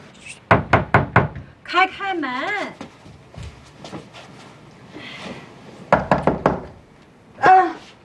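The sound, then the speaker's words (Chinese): Two bursts of about four sharp knocks on a locked wooden door at home, rapped in quick succession, with people speaking between and after them. “哎，门怎么还锁？锁门干嘛呀？”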